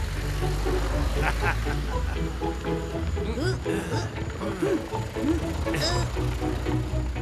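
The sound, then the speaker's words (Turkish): A tractor's engine rumbles steadily while it tows a car into place, the car in neutral with the handbrake released and a person at its steering wheel, with scattered mechanical clanks and ratcheting, and voices briefly talking over the noise. “Ben yaklaştırayım hemen.”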